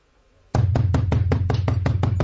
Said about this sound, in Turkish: Yuh be! Böyle de kapı mı çalınırmış? Git bak bakalım icabı.